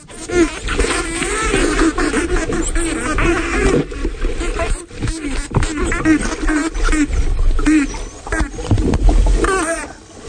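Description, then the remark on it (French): Spotted dolphins vocalize underwater in the Bahamas, two subgroups of adults and juveniles playing a chasing game and facing each other, in a busy, continuous chorus of rising and falling whistles mixed with buzzing click trains, loud throughout. “Alors là, on est immergé aux Bahamas avec des dauphins tachetés et on a deux sous-groupes d'adultes et de juvéniles qui sont en train un peu de jouer aux gendarmes et aux voleurs et ils vont se faire face.”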